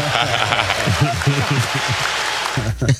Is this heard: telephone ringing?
no